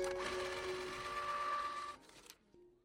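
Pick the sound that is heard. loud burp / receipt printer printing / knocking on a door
receipt printer printing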